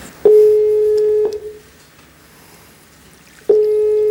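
Telephone tones over a line while calling an automated transport information number to order a taxi: a steady mid-pitched beep lasting about a second, a pause of a couple of seconds with faint hiss, then the same tone starting again. No voices.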